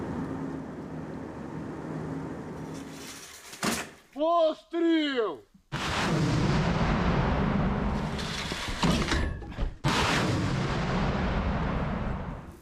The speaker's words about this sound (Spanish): Ahora deben moverse rápido. Tras estos disparos, los rusos pueden localizarlos y atacarlos en cualquier momento.